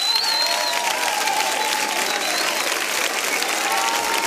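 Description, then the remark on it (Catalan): A large audience applauds steadily for performers Nali Domínguez and Antoni Moralles, a dense wash of clapping hands that stays loud and even throughout, with a few faint whistles or cheers mixed into the crowd noise. “Un fort aplaudiment, per favor, per Nali Domínguez i Antoni Moralles.”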